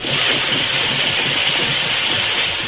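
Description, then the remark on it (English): A steam engine runs steadily at a tunnel entrance in a valley, moving ore out of the tunnel, giving off a continuous loud hiss of live steam over a low, churning rumble, with no pauses or distinct beats and no voices. “they saw live steam coming from the entrance to a tunnel in the valley”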